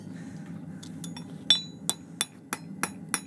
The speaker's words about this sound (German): Beim Schmieden hämmert er das weiche Metall auf dem Amboss, um es perfekt an die Hufform des Pferdes anzupassen. Individuell auf jeden Huf.